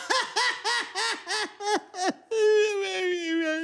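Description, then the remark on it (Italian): The character Crude sobs in a rapid run of short, rising-and-falling bursts, then breaks into one long, loud wail of crying after failing at a good deed. It is clear with no talking. “Crude piange.”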